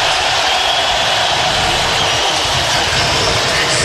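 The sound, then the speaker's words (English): A packed arena crowd roars and cheers as Nebraska's starting players are announced, one loud, unbroken wash of noise for about four seconds, with no single voice standing out. “Listen to the crowd here. This is unbelievable.”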